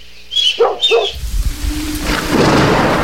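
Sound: thunderstorm with rain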